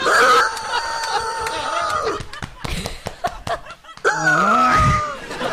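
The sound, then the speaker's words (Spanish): A voice imitates a rooster's crow in two long, strained, loud, warbling calls, separated by a burst of snickering and slapping sounds. “¿Cómo era que la señora de la arepa levantaba el gallo?”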